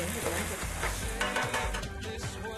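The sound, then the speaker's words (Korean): Black bean paste (chunjang) for jajangmyeon sauce sizzles and crackles as it is fried in hot oil with onion and pork, with steady scraping and stirring strokes from a spatula or ladle against the pan, continuous and fairly loud with no voices. “두 번째 짜장면은 먼저 춘장을 기름에 볶고 양파, 돼지고기 등을 볶은 후 이 두를 이리저리 자주 저으면서 익히는데요.”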